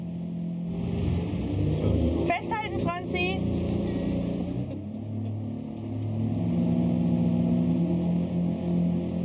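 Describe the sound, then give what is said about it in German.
The engine of a small passenger motorboat at sea, the Birkholm Posten, carrying at most 12 passengers and the post between Marstal on Ærø and the island of Birkholm, drones steadily and loudly throughout, its low hum shifting slightly in pitch, while a voice briefly calls out over it near the start. “ist in ganz Nordeuropa zu See gefahren, bevor er vor 2 Jahren dieses kleine Boot kaufte.”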